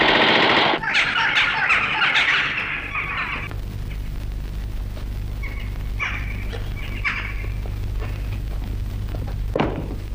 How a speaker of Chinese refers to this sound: 为什么乱放枪？ 弟兄们饿极了，用枪打乌鸦呢。